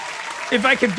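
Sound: applause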